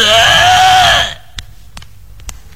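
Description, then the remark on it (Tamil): A voice mimics vomiting as a dubbed sound effect while another person only mouths along: a single loud, strained, wavering groan lasting about a second, then stops, leaving near-silence broken by a few faint clicks. “சரி வாந்தி இருக்கிற மாதிரி சவுண்ட் கொடுறா, அத்தல நீ லிப் மட்டும் கொடு, நான் சவுண்ட் கொடுக்கறேன்.”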